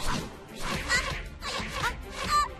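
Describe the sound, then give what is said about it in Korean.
Arrows whoosh past in quick succession, about four sharp swishes, each with a snappy crack, portraying ultraviolet-ray arrows shot by the personified Sun. They are fairly loud, in an even rhythm, with no talking. “나는 1년 내내 이 자외선 화살을 쏠 수 있지. 쏴쏴쏴!”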